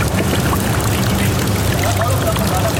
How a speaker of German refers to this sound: 3 Etagen tiefer ist es, zwischen meterhohen Metallwänden trocken oder zumindest fast. Da und dort drückt ein bisschen Seewasser rein.